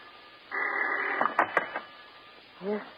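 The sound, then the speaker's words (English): A telephone bell rings in the darkness at 2:00 in the morning in one sustained, buzzing burst that ends with a few sharp clicks, followed after a pause by a brief spoken word. “It seems like hours later when the phone bell cuts through the darkness like a knife.”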